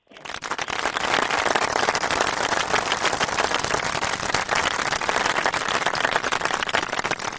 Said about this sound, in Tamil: அழகா சொல்லிட்டீங்க, அழகா சொன்ன தங்கத்துக்கு கைத்தட்டல் கொடுத்துடலாமா?